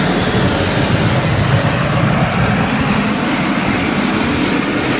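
Loud, continuous roar of Alpha Jet aircraft of the Patrouille de France, painted blue, white and red, passing overhead above Nice and drawing the French flag in the sky, a broad steady rumble that fills the whole five seconds with no voices.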